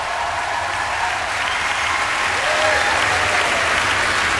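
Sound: opera audience applause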